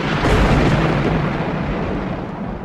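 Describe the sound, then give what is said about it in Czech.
A loud, sustained crack and rumble of thunder from a clear sky, deep and broad, rolling steadily for a few seconds and easing only slightly toward the end, with no voices. “V té chvíli z čistého nebe zařnilo a nad nimi stál pán a vládce hor, Krakonoš.”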